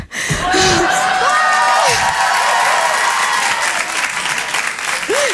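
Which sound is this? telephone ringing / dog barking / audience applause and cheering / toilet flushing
audience applause and cheering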